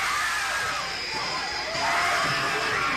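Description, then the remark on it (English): A large audience at a sneak preview of the film Apartment Complex screams together in a continuous, shrill roar that holds steady for the whole stretch and swells a little louder midway through. No one speaks. “The screams you are hearing are the actual audience reaction to a sneak preview of Apartment Complex.”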